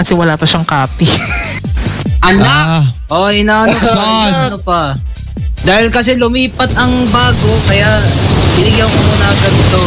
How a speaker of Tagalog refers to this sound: Lakas ng hangin, sobrang mapapagod habang umiinom.